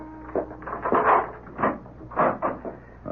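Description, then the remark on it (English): A door of a residence's chambers is opened to a visitor, with a series of wooden clunks, rattles and scrapes over about three seconds and no voices. “Whoever was at that door did not mean to go away. I went to the door.”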